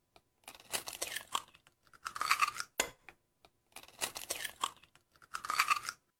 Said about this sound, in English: Cracking open an egg on a Saturday morning.